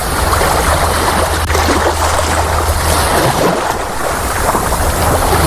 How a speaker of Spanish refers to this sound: Bueno, esto que oyes es el mar, es la playa, quizás sea aquí el único lugar donde se puede aguantar de una manera más o menos natural este calor